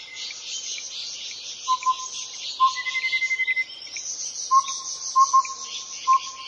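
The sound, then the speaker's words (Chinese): Clear, short whistled bird notes ring out at intervals, with a quick trilling run partway through, all set against a steady shimmering chorus of insects in an outdoor woodland at Fushan Botanical Garden in Yilan, Taiwan. “你有多久没有听到这种清脆悦耳的鸟叫声了呢？”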